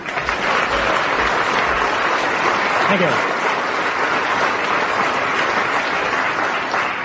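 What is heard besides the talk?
audience clapping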